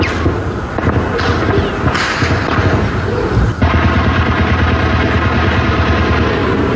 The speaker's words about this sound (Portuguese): Os disparos foram ouvidos de diferentes pontos do bairro e também de Botafogo